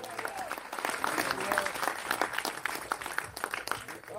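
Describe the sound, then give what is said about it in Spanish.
An audience claps loudly and steadily for the Lord during a sermon, dense applause for several seconds, with scattered voices and faint cheering mixed in beneath the clapping. “Dele un fuerte aplauso al Señor, a su nombre.”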